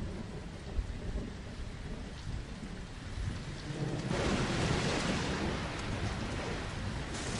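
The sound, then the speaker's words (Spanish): Steady heavy rain hisses throughout, swelling louder about halfway through as a low rumble of thunder rolls underneath; no voices, just the storm. “A la mayoría no les gusta quedarse en medio de una tormenta de truenos.”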